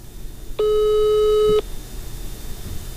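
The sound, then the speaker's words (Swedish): A single steady telephone tone rings out for about a second, loud and clear over a faint background hiss, then cuts off abruptly like a line signal heard while dialing, as a phone number is called. “Jag ringer till det här numret flera gånger.”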